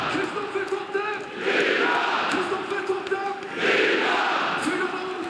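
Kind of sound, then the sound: crowd, football stadium crowd cheering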